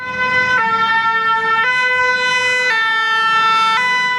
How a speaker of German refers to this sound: erschrecken Sie bitte nicht, falls Sie im Auto unterwegs sind, denn die Sirene hier, die kommt nur aus Ihrem Radio.